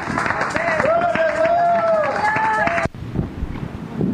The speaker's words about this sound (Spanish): Fuerte aplauso al Señor, hermanos. Gloria a Dios, gloria a Dios.